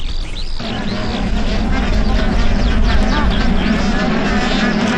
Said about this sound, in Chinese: 美同步的啾啾和鸣，展现了黑井鹤夫妻亲密和谐的夫妻感情